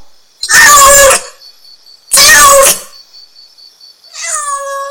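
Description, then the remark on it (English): A cat meows three times, two long loud harmonic cries followed by a shorter, rising one, with a faint steady high whine between them and no talking. “What is the name of this animal? This is cat.”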